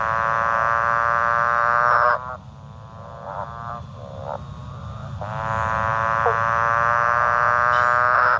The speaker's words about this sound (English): what about the motorbike frog?